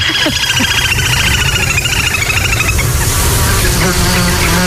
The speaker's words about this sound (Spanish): sobre todo ese zumbido como un poco desquiciante, que son los insectos, los mosquitos